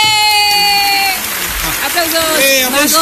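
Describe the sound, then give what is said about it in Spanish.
Applause for two women engineers on International Women in Engineering Day, 23 June: a steady wash of clapping runs through the whole stretch, dense and loud, with high cheering and whooping voices rising over it toward the end. “¡Aplausos! ¡Aplausos!”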